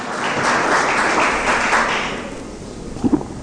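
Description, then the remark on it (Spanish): An audience at a church sermon applauds loudly for the Lord, a dense wash of many hands clapping that swells, holds steady for a couple of seconds, then fades as a voice begins to speak over the tail end. “Dele un fuerte, más fuerte aplauso al Señor.”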